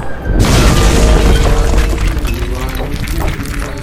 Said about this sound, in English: The boulder slammed into the ground. No one was hurt. The massive stone hit so hard that nearly half of the stone went into the ground.